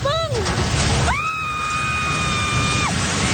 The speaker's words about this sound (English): That scream of horror as a building housing a fast food outlet and three radio stations collapsed into the southern city of General Santos. It's just one of the many destroyed structures.